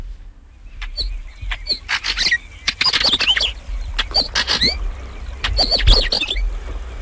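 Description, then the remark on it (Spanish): A northern wheatear flutters and calls around the listeners during a walk, giving a run of short, high, sharp chirps in quick irregular bursts, mixed with brief fluttering wingbeats, over a steady low rumble with no voices. “una collalba gris aletea y pía a nuestro alrededor.”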